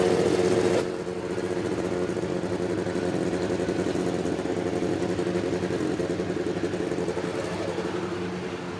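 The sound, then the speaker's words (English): A thick, steady roar of 33 race car engines starting together, lined up in 11 rows of three along the main straightaway before the pace laps, loud and continuous after a brief burst of noise at the start, with no voices over it. “And there it is, the start of the 33 engines up and down the main straightaway.”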